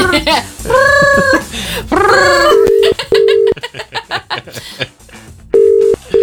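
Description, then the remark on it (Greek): A telephone rings in short, steady, mid-pitched tone bursts, broken by pauses. Excited voices talk loudly over and between the rings. “Κάτσε καλέ, θα το σηκώσω.”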